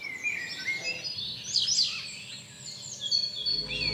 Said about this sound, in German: Beinahe überall im Gebäude sind unterschiedliche Vogelstimmen präsent. Ausgenommen sind nur die Hotelzimmer.